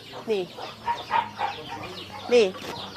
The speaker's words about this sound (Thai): นี่ตอนนี้เป็นการเลี้ยงแบบผสมผสานนะเมื่อตะกี้ในนี้ก็มีไก่อยู่ด้วยนะคุณผู้ชมนะมีไก่อยู่ในฟางนะเป็นหญ้าแห้งนะคะ